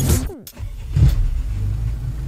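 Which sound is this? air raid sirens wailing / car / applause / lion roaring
car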